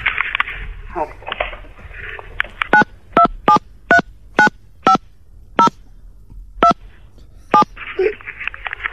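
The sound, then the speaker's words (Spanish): About ten short, clear telephone keypad dialing tones beep in an uneven rhythm, as if a number is being punched in, with muffled talking before and after the sequence. “¿Se cree que llama? Sí. Pero le ponemos los tonos nosotros.”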